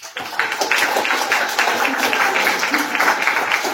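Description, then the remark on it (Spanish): A crowd applauds steadily, many hands clapping in a dense, even patter that holds at a constant loudness throughout, with no voices standing out. “Un aplauso para todas y todos ustedes.”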